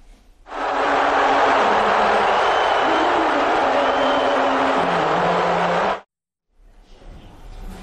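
A large arena crowd at a finals game roars in reaction to Donald Trump being shown on the big screen, a dense wall of cheers mixed with boos that holds loud and steady for about five seconds before cutting off abruptly.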